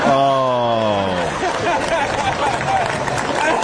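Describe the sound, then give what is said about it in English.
A drawn-out, slightly falling vocal "ooh" gives way to a loud, dense wash of comedy club crowd noise in New York, a steady roar of reacting voices and clapping that holds to the end. “Hear that crowd? They love it.”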